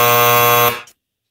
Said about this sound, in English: I was going to say what TV judge. Then that buzzer came in.